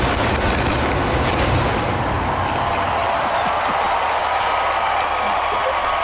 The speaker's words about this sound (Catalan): Surten des de dins mateix, de la Sagrada Família. Sí. I aquest és el so, el joc pirotècnic de la pirotècnica.